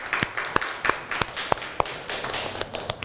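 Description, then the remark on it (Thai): Scattered claps from a small group of students applauding a student representative, a dozen or so sharp irregular slaps over about three seconds against a steady background hiss, with no voices. “ต่อไปค่ะเราจะไปเข้าสู่ตัวแทนนักเรียนคนที่2ค่ะถ้าพร้อมแล้วขอเสียงปรบมือให้ตัวแทนนักเรียนหน่อยค่ะ”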